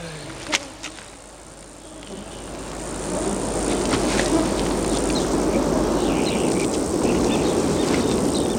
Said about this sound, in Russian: Дрессированные мухи.